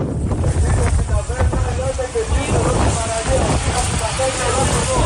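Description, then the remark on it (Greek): Coast guard boats motoring toward Preveli beach, which is encircled by a wildfire front, in force 8 Beaufort winds: a steady engine rumble mixed with rushing water and heavy wind buffeting the microphone, with faint indistinct voices in the background. “Καφή του λιμενικού προσεγγίζουν την παραλία της Πρέβελης που έχει περικυκλωθεί από το πύρινο μέτωπο.”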